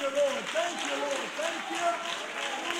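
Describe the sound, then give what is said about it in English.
A standing crowd claps steadily in a dense, continuous wash of applause, with a voice calling out over the top throughout. “Let's unite and all stand and clap our hands.”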